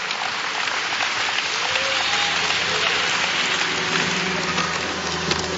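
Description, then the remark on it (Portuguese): An audience applauds steadily throughout a church service in honour of Jesus, a dense wash of many hands clapping at once, fairly loud and continuous with a faint murmur of voices underneath. “Toda honra e todo aplauso ao nosso Senhor Jesus.”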